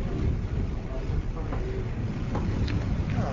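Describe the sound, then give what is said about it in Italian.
Strong wind roars and buffets steadily on the open deck of a ferry crossing from Sicily toward mainland Italy, a dense, constant low rush with the faint drone of the vessel underneath and no pauses. “Qui c'è molto vento.”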